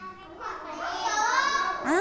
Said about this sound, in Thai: ได้ยินเสียงเด็กนักเรียนปลายทางนะคะบอกว่าทำของเล่นทำยารักษาโรคแล้วก็นำไปประกอบอาหารก็ได้